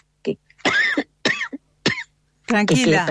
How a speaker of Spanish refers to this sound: Tranquila, tengo una tos alérgica que me agarra por ahí.